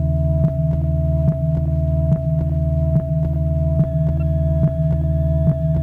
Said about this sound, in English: The equipment is made up of an amplifier with headphones, a handle with tuner, and a coil box. When the detector is tuned, a soft hissing sound is heard on the headphones, like this.